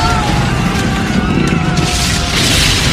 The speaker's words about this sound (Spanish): la casa de donde salió el camión explota. Se observa de lejos la explosión y a Rey cubrirse con sus manos de las chispas desde el techo del camión mientras choca con un letrero.